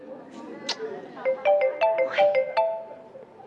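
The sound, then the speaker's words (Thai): A phone ringtone plays a quick melody of bright, stepping electronic tones that rise and fall in a repeating pattern, with a voice speaking softly under the start. “ไม่รับสายเนี่ยเป็นอะไรไปหรือเปล่าอ่ะ ตอนนั้นก็กะว่าจะไม่รับคิดว่าจะดัดนิสัยคนใจร้อนจะอารมณ์ซะหน่อย”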